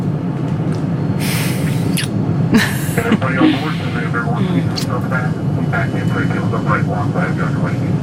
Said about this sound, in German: Zum ersten Mal in meinem Leben stieg ich in ein Flugzeug.